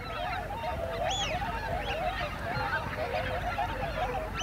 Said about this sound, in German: Das hier sind Pfeifenten. Zu Tausenden. Aufgeschreckt von einem Seeadler.